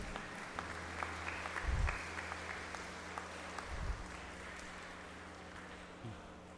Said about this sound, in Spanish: Fuertes los aplausos para ellos.